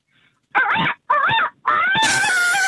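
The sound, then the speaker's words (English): A person imitates a rooster crowing, two short rising calls followed by a longer drawn-out cry, loud with nothing else behind it. “A rooster.”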